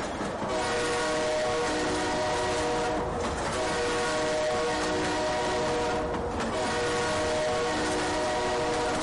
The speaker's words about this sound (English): Oh God, train they come. I don't see the train. You don't see the train now.